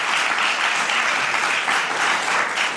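A crowd applauds steadily, a dense wash of many hands clapping at an even, sustained loudness for a few seconds with no voices over it.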